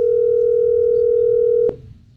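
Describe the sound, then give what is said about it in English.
A steady, loud telephone dial tone, as the 98.1 The Max radio show calls a Father's Day contest winner, hums continuously for almost two seconds, then cuts off abruptly with a click, leaving only faint low background noise. “Let's go ahead and call up the winner.”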